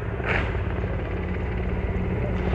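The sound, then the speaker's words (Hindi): A steady, loud low rumble of Indian Air Force helicopters, including a Mi-17, passing overhead above the ramparts of the Red Fort while showering flower petals, with a continuous droning engine tone and no break in the noise. “और इस समय आकाश में जो स्वर हमें सुनाई दे रहे ध्वनि सुनाई दे रही है वो उन हेलीकॉप्टर्स की है जो पुष्प वर्षा करते हुए लाल किले के प्राचीर के ऊपर से गुजर रहे हैं और लोगों की निगाह उसी आसमान की तरफ है।”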